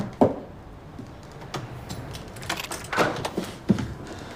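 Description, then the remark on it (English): A door being forced open: a few heavy thuds and rattling, scraping clatter at irregular intervals, fairly loud, with no voices. “Open the door!”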